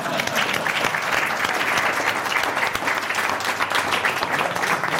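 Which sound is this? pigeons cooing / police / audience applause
audience applause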